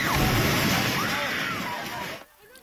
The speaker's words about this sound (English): That reaction as the Templars sent a building tumbling and crumbling.